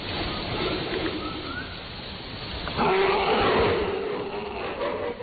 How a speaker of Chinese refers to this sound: 接下来您可能都听不清楚，就是没听过他的这个声音，但是他的形象您一定特别熟悉。告诉你们，这是熊猫，但是这个熊猫在做什么，发生了什么故事，我们先听